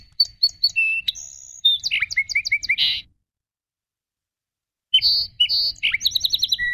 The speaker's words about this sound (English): And today's bird, the song sparrow, spends the whole year with us.